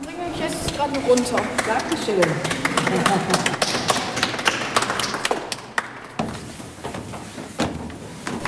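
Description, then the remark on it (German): A group of people clap in a steady, dense patter of sharp hand claps that runs for several seconds, with voices talking over the applause near the start, applauding the child Kinderdom guides at the end of a guided tour. “Ja, es gibt völlig zu Recht Applaus.”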